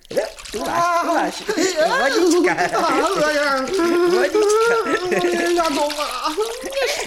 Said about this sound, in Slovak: Tu máš vodička. Nešpliechaj ma. To už celkom stačí.